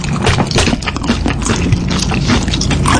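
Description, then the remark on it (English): Loud, wet chewing and smacking fill the whole stretch, a dense run of mouth noises with no pauses, the eating sounds continuous and messy. “You're enjoying your meal. Do it quietly.”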